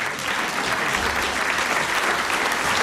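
Steady, dense applause from a large audience fills a reverberant hall as the Czech Republic champions and national representative Milan Škvařil enter, many hands clapping at once in a continuous loud wash with no pauses.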